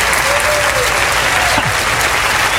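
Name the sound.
audience applause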